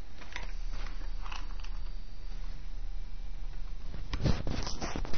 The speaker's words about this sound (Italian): Dopodiché, con il fiammifero accendiamo la carta. Ecco, l'abbiamo messa in più punti, ed ecco che la carta si sta già accendendo.